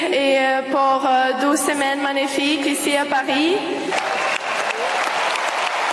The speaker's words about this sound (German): Und das Publikum zu Applaus.